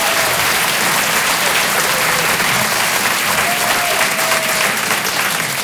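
audience applause

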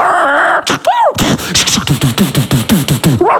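dog barking

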